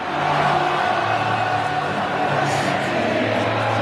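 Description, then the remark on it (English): A huge stadium crowd at the Gabba sings a celebratory chant in unison after a goal is scored, a loud, continuous wall of massed voices with a steady droning tune over the roar of the stands. “Every time Charlie Cameron scores a goal, we've got this pumping through the stands.”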